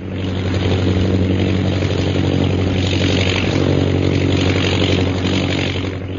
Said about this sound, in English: Jungle Jim and Shanghai Lil are in a plane which is high over the hills of Upper Burma.